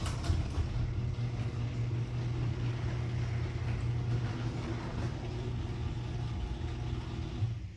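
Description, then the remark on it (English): A garage door runs on newly installed nylon-coated rollers, giving a steady, smooth low mechanical drone with a faint higher hiss and no sharp rattles, continuing evenly for several seconds with no voices. “All right, Jerry, play the second, the after, the new nylon roller audio clip of my garage door.”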